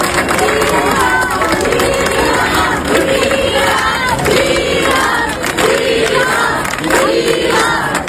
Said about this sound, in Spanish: Y también aplausos a Juan José Vivas, presidente de Ceuta.